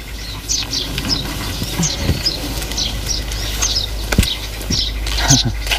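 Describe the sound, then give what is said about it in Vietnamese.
Short, high bird chirps repeat in quick bursts throughout, over a busy background of low rumble and occasional sharp knocks. “Trời ơi, chú chim này dễ thương quá anh.”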